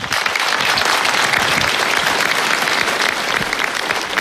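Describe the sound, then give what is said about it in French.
Sustained applause from an audience for the family of a young girl, a dense, steady wash of many hands clapping at an even loudness for several seconds, with no voices over it. “Très applaudie, la famille de la jeune fille diffuse ensuite une chanson pour lui rendre hommage.”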